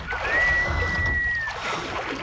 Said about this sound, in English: Stop. Is that the sound of oars?